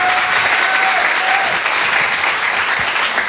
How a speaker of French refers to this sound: Merci. Vous pouvez l'applaudir très très fort. …, ….